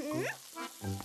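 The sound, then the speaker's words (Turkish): Flattened rounds of dough fry in hot oil to make pişi, a Turkish fried bread. A dense, steady crackling hiss fills the whole moment, with a few brief tonal sounds rising over it. “Senin hazırladıklarını ben de kızartıyorum.”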